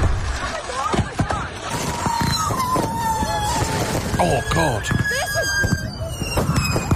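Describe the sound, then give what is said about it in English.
Unsecured fireworks on work property go off out of control in rapid, irregular bursts with whistling squeals and sharp cracks, while people shout and exclaim over the din. “See, the thing is, though, people didn't secure the fireworks.”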